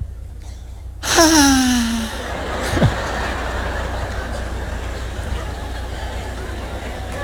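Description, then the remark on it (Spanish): A voice imitates the long, complaining groan of someone who complains with every breath, on an exhaled breath, its pitch sliding downward for about a second, followed by a shorter falling sound over a steady murmur of crowd noise. “¿Nunca vieron gente que se queja cuando respira?”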